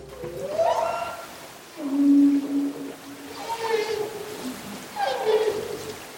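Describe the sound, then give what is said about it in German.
Whale song captured underwater: several long, tonal moans and rising, wavering calls repeat in phrases, one low sustained note among higher sweeping cries, echoing over a hissy ocean background. “wenn die Unterwasserinformationen automatisch von den Bojen übertragen und in Echtzeit von Algorithmen ausgewertet würden, zum Beispiel, wenn Walgesänge in den Aufnahmen entdeckt würden.”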